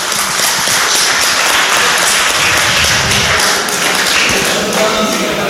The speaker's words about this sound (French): Je crois, vu qu'il n'y a personne dans la salle pour applaudir, ils sont tous sur scène. Ils peuvent s'auto-applaudir, exactement, bravo!